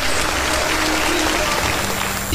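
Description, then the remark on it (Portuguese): Steady applause from a crowd in praise of the name of the Lord Jesus, a dense continuous patter of many hands clapping at an even loudness throughout, with no voices standing out. “Aplaudo o nome do Senhor Jesus.”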